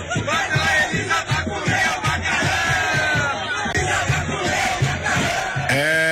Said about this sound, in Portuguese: É verdade, por isso que a torcida começou a gritar isso aí, ó. É. Bruno Vacilão matou Elisa pra comer o macarrão, olha aí. Bruno Vacilão!